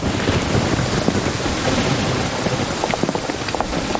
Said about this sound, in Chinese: 看上去好像是要下雨啊，要不你和太太们先回，俺在这守着。 下雨？ 就是了， 省得吃烧饼噎着了。 对，这下有水了，